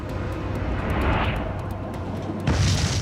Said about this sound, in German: Toulouse 2001. In einer Deponie explodieren mehrere hundert Tonnen Ammoniumnitrat. 31 Tote.